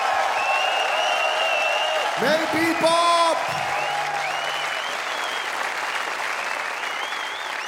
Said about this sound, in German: Applaus, das war herrlich! Dankeschön!